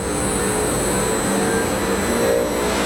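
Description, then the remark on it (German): A steady, loud industrial roar of a recycling plant powering up inside a large technical hall in Braunschweig, with a broad rumbling drone and faint high-pitched whine, continuous throughout and no voices. “Kein Flugzeugtriebwerk, das warm läuft, sondern eine Recyclinganlage, die hochfährt, in einer großen Technikumshalle in Braunschweig.”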